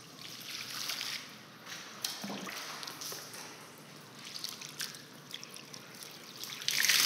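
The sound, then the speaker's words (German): Water is poured over someone lying on their stomach in a steady splashing trickle, with uneven bursts of spatter and dripping. A louder gush comes near the end, and no one speaks. “So, jetzt wird erst mit dem Wasser gegossen.”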